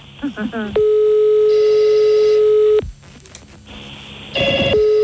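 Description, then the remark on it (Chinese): An electronic telephone hold tone sounds as a call is put on hold to answer an outside line: a loud, steady beep lasting about two seconds, then a short second tone burst near the end. A brief voice is heard just before the tone. “甲电话，我先保留按互外线，甲你服务吼，你莫挂吼。”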